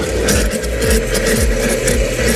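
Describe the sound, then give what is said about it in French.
A blender mixing fruit with a yogurt, skyr or fromage blanc base into a smoothie whirs loudly and steadily, its motor roaring with a rough, churning texture and a rhythmic pulse roughly every half second as the contents swirl around. No one speaks. “Ah oui, c'est le bruit, hein. C'est ça, hein. C'est le blender mixeur.”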